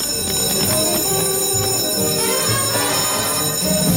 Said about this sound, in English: I'll just ring the school bell just to make sure everybody's ready to go.